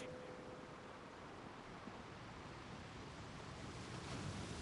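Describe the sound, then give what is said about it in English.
Ocean waves crash steadily against sharp rocks below a cliff in a continuous, fairly soft roar, with no distinct breaks standing out and a low rumble of wind mixed in. No one speaks. “facing out to sea”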